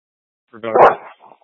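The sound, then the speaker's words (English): A dog gives one short, loud bark heard over a radio mic, followed by a quieter little yelp a moment later, then silence. “I copy dog on the mic.”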